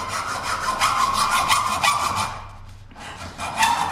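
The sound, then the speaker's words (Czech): A church technician saws open a sealed box with a hand saw, rasping steadily through wood in rhythmic strokes for about two seconds, pausing briefly, then resuming with a few more scraping strokes. “V první fázi přichází na řadu pilka.”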